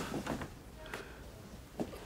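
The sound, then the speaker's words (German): A door is pushed shut with a few soft knocks and clicks spread over two seconds, the last a slightly sharper latch, all faint against a quiet background. “Mach dir die Tür zu, danke.”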